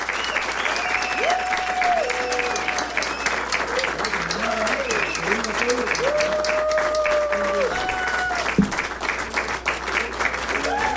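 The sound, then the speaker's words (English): Sustained audience applause at an in-studio music session, dense and steady for the whole stretch, with many hands clapping at once and a few scattered whistles rising above the wash of sound. “Thank you for your applause and enjoy your music.”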